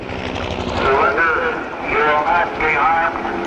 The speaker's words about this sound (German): Und alles, was man währenddessen hört, ist ein Hubschrauber und eine Lautsprecherdurchsage, die immer wieder verkündet: Ergeben Sie sich mit erhobenen Händen, dann wird Ihnen nichts geschehen.